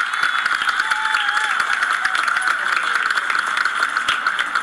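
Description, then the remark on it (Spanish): A crowd at a parade applauds steadily for several seconds for the participating institutions. A dense, even wash of many hands clapping at constant loudness, with a faint whistle-like tone drifting through it and no clear speech. “Pido un fuerte aplauso para todas las instituciones comprometidas.”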